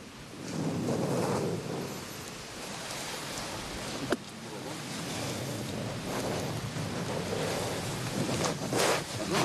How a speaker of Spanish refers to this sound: Un disparo. ¿Un tanque? Sí, fue un tanque.